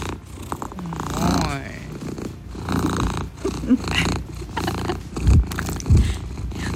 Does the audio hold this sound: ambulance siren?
no